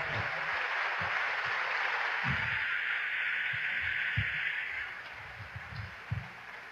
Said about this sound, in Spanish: Saludamos con mucha alegría a Monseñor Alberto Ortega, representante del Papa León XIV. Un fuerte aplauso para Monseñor Ortega.